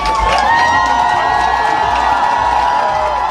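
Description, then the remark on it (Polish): A dense crowd of fans cheers and shouts continuously at Chopin Airport in Warsaw, welcoming Poland's volleyball players, European Championship gold medallists returning from Milan; a loud, sustained roar of many voices with whoops rising above it and no pauses. “Tłumy kibiców przywitały naszych siatkarzy na lotnisku Chopina w Warszawie.”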